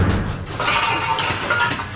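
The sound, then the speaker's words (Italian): Metal pots and pans clank and clatter together in a busy, jangling burst that starts after a brief lead-in and keeps rattling loudly to the end, with no voices. “E questa volta glielo fece di pentole.”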